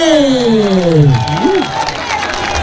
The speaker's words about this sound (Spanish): gustó, regálenos un aplauso en esta noche.